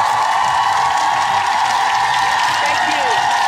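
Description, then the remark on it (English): A dense crowd cheers and claps steadily, the roar of applause and whoops holding at a loud, even level for a few seconds without letting up. “You get a big cheer for that.”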